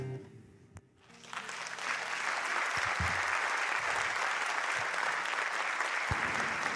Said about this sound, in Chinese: 谢谢，谢谢大家的掌声